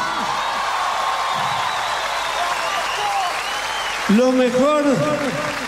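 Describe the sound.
Sustained crowd applause with cheering and whoops, a dense steady wash of clapping throughout; near the end a voice speaks over the ovation as it continues.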